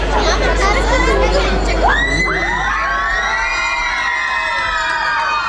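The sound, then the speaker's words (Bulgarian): A loud crowd cheers and shouts to welcome home Bulgarian rhythmic gymnast Stiliana Nikolova after her success at the World Championships in Frankfurt, with high excited voices rising into sustained whoops and cries that continue steadily throughout, no single voice standing out. “Така Стиляна Николова беше посрещната след успеха си на световното първенство във Франкфурт.”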